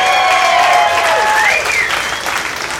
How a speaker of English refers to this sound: This looks like an 80s crowd. Round of applause. You guys grew up in the 80s, ladies and gentlemen. Round of applause.